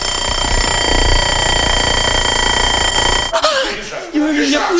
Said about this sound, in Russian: Это я завел будильник, и я есть хочу.